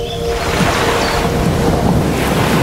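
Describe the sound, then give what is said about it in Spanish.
Rough sea waves churn against the shore in a loud, continuous roar of surf and spray, unbroken for the whole moment, with no voices. “Desde la calmada superficie de los lagos, viajamos a los márgenes del agitado mar para evaluar los poderes de un equipo naval que es mitad acuático, mitad terrestre.”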